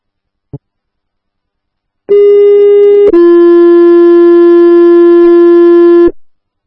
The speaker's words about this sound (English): In back of District, Station 64. Stand by for tones for electrical issue. Pleasant Valley Road, south on Mix Canyon.